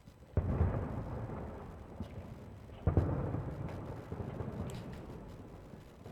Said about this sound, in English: Does the fireworks go off at the song's close?